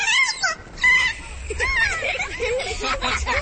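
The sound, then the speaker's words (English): A kea's play call: a run of bright, warbling squeals that swoop up and down in pitch, several calls overlapping in a busy, chattering stream that carries on throughout. “Scientists think the play call had an emotional effect on the birds.”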